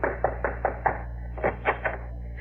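knocking on a door

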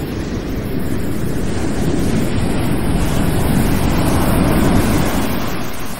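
sea waves surging

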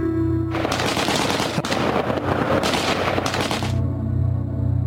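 gunfire

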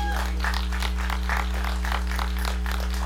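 round of applause

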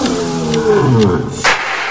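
bengal tiger roaring

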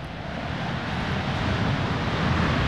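airplane flying overhead

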